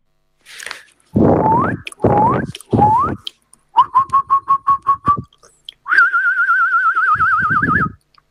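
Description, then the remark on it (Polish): A radio listener's recording of a human voice imitating a jackdaw call: three loud, harsh squawks that rise in pitch, a quick run of short clipped notes, then a sustained warbling, whistled trill. “To był naprawdę bardzo ładnie udany ptak.”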